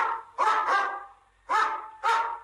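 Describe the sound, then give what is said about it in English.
A dog barks four times in two quick pairs, sharp and loud, with short pauses between the pairs and no talking over it. “This is a dog. Dog. What does a dog say?”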